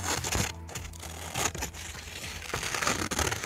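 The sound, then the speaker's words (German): Scissors cutting paper for Scherenschnitt (paper silhouette cutting) in Schmölln, Germany, with crisp snips and rustling paper crinkles over a few seconds, and a faint low background tone beneath. “MDR Thüringen-Reporterin Katrin Welzel hat auch mal zur Schere gegriffen”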